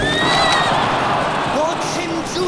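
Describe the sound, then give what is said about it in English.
Horses neighing amid a loud, dense roar of a chariot race as a driver lashes his horses, with shrill whinnies early on and lower rising cries near the end, with no clear speech. “Messala was aggressive, lashing his horses, cutting off a Greek driver”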